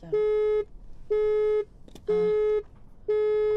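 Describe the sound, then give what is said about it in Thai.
Four steady electronic beeps, each about half a second long with equal gaps, sound loud over faint background noise, the tone of a phone call line that has dropped. “ขออภัยน้ำเพิ่นมีรายการเป็นแล้วได้สายลุดไปในสร้างควบคุมเสียงช่วยเอาเพลงขึ้นให้หน่อยนึงก่อนจะติดต่อหาอาจารย์คืนอีกบาทหนึ่งก่อน”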